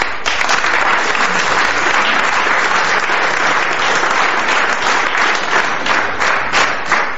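A large audience applauds loudly and steadily to welcome a comedian, a dense wash of many hands clapping at once that holds at full strength for several seconds without fading.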